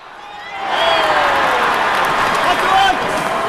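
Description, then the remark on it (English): A big crowd at a Red Sox home game at Fenway Park roars steadily, swelling within the first second and holding loud and dense throughout, a wash of many indistinct voices with no single speaker standing out. “Amid the roaring crowd, hawkers zip through rows of fans at Fenway with metal warming boxes balanced on their heads.”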